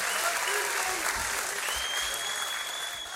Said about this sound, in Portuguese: Palmas para vocês mais uma vez.